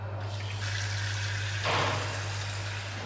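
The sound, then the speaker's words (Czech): Tap water runs in a steady, hissing stream to chill a beer glass as a pub near the centre of Olomouc starts up for service, over a constant low hum, with a brief louder gush partway through. No one speaks. “Teď slyšíme zvuky, které jsou součástí startu hospodského provozu, a to je sundávání židlí a napouštění chlazení na pivní sklo.”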